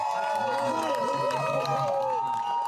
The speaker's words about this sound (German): In Ordnung, also jubelt. Ja, dann machen wir.